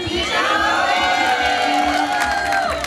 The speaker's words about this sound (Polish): I te brawa dla naszego gościa, prawda?